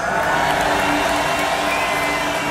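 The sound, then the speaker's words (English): A huge festival crowd at Tomorrowland roars and cheers without pause, a dense wall of voices with scattered whoops rising above the steady, loud din. “Tomorrowland, if you're feeling good, if you want to do this one more time, please make some noise.”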